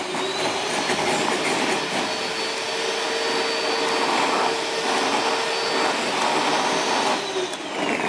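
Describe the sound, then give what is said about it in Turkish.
A new combination mixer and blender machine runs steadily for several seconds, a loud, continuous motor roar with a faint high whine and a low hum, unbroken by speech. “Hem mikser hem blender.”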